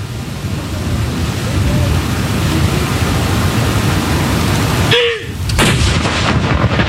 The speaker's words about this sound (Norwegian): Alt utføres selvfølgelig med en enorm presisjon. Og det følges med på klokka. Og det kommandanten da som leder denne avfyringen av disse saluttene. Første kanon!